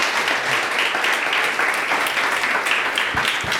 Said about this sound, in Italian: Grazie, un applausissimo per tutti.